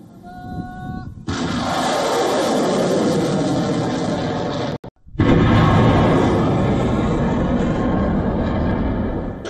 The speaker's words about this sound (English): The Houthi rebels have released footage said to show missiles and drones being launched towards south port city of Mocha in western Yemen.